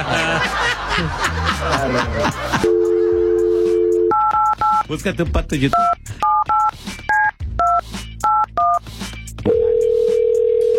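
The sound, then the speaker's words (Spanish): Laughter and speech give way to a steady telephone dial tone after the call hangs up again, then a quick series of keypad dialing beeps in paired tones, ending with the dial tone again. “Señor, se volvió a desconectar la llamada, por favor.”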